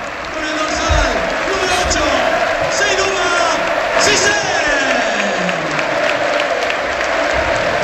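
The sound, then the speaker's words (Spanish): A large, standing football crowd at Butarque stadium applauds steadily as a player leaves the pitch in a substitution, a dense wash of clapping with scattered shouts, while a commentator's voice talks over it throughout. “La gente le aplaude, pues, jolín.”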